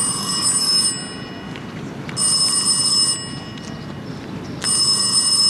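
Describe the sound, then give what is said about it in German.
A telephone rings during a quiet dinner in three evenly spaced bursts, each a shrill, bright trill lasting about a second with short pauses between, fairly loud against a low steady background hum. “Während wir still zu Abend aßen, ertönte das Klingeln des Telefons.”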